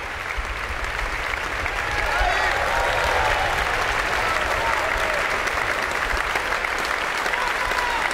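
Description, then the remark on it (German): Sustained, dense applause from a large audience in the Stiftskirche Melk for all the performers of a festival closing concert, steady and enthusiastic throughout, swelling slightly after the first couple of seconds with a few faint voices mixed in, as the musicians led by musical director Stefan Gottfried bow. “Ja, und wie Sie hören, spendet es großen Beifall für all die Mitwirkenden dieses Festival-Abschlusskonzertes.”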